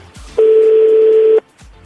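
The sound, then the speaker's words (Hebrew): A telephone ringing tone sounds once as a call to Eldad Yaniv goes through: a single loud, steady electronic beep lasting about a second, with only faint background noise before and after. “הלוואי ויש לו מזכירה.”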